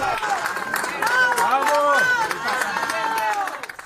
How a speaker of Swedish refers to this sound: Här är ljud från stadsdelen Barota, där lokalbefolkningen applåderar sjukvårdare som lyckats rädda en människa ur all bråte.